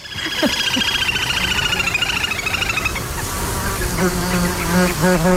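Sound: buzzing of mosquitoes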